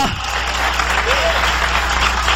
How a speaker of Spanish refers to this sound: Si es para Dios, dale fuerte ese aplauso.